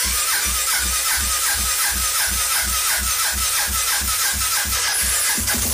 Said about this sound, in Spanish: Vamos a calentar la moto inmediatamente. A ver si nos prende.